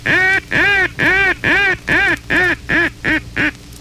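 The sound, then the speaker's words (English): A rapid, insistent series of about nine loud, nasal quacks blown on a duck call as the comeback call, used when ducks become alarmed and flare away; clear, each note short and punchy and coming faster toward the end. “If ducks become alarmed and flare away, switch immediately to the fourth essential call, the comeback call.”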